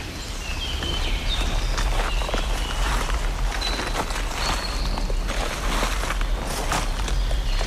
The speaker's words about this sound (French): Nous marchons entre les feuilles mortes, les brindilles qui craquent, les fougères, les premiers massifs de fleurs.